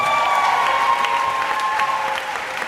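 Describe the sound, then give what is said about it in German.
A crowd at the German Book Prize 2026 award ceremony breaks into sustained, dense applause with cheering mixed in as the winning novelist is announced, steady and loud for the whole stretch, with a few brief sharp whistle-like tones above the clapping. “Der Titel ihres Romans wird von dem Jubel der Anwesenden verschluckt.”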